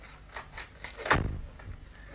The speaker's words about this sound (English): Shut the door after them